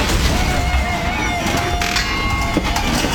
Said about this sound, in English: Does your garage door sound like that? That's not normal. That's a failure waiting to happen. And it could leave you stuck when you least expect it. Don't wait for it to break.